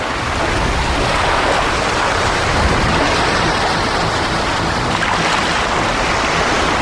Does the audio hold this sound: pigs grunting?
no